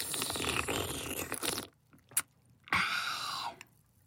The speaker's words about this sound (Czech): Vyzkoušel všechny způsoby srkání, ten nejhlučnější si zapamatoval a používal ho od rána do večera.